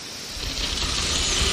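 A steady, rough scraping and rustling, probably from deinotheriums, huge elephant-like animals, scraping their lower-jaw tusks through the soil, grows slightly louder over a second and a half, with a faint low rumble underneath and no voices.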